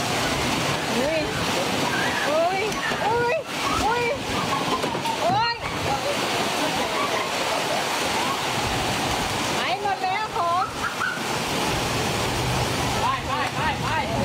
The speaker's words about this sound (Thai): ไปดูชุมชนปู่เจ้าสมิงพรายเขตดอนเมืองเจอทั้งฝนลมกระโชกแรงเหมือนกันนะคะ